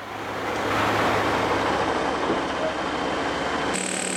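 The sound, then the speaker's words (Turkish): Concrete trucks rumble steadily during a shotcrete pour for a swimming pool, with about 30-40 metres of concrete being delivered: a loud, continuous wash of engine noise over a low droning hum, with a slight shift in tone just before the end. “Sanırım bunlar beton kamyonları.”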